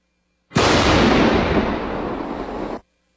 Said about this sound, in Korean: 비무장지대 내 울창한 숲불 사이로 큰 폭발음과 함께 흙먼지가 솟구칩니다. 낮 12시 51분쯤 서부전선 비무장지대 폭발 사고 주변에 대한 지뢰 제거 작전이 단행됐습니다.